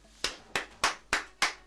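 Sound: hand clapping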